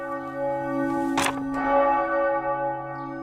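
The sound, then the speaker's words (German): A church bell rings out with a rich, sustained tone, its strokes overlapping into a steady resonant hum, with a brief rustling burst partway through. It rings on a Sunday morning at the parish church Unbeflecktes Herz Maria in Schellenberg, Liechtenstein, while the Eucharist is being celebrated. “Die Glocke lässt den ganzen Ort wissen, in der Pfarrkirche Unbeflecktes Herz Maria wird gerade Eucharistie gefeiert.”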